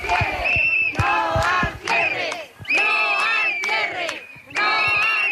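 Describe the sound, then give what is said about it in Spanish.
A crowd of protesters chants and shouts in loud, rhythmic bursts, voices rising together in repeated phrases with brief dips between each chant, protesting cuts by the Junta as classes begin at two schools, in Toreno and Carucedo. “Con estos gritos han comenzado las clases en los dos colegios.”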